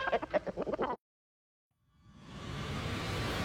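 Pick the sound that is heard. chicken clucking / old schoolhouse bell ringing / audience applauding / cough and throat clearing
chicken clucking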